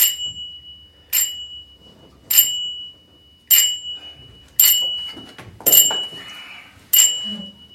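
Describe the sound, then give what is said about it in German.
A bell rings out in a steady series of seven sharp, bright strikes about a second apart, each with a short ringing decay, fairly loud over a faint background murmur, signalling in a theatre that the rehearsal is resuming. “Klingelzeichen künden an, dass die Probe weitergeht.”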